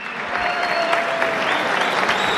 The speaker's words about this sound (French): Bienvenidos a Te Invito a Cenar. Ces dîners de Noël commencent avec un fort applaudissement.